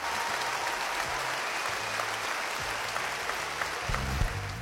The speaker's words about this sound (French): Il y a de quoi applaudir, hein.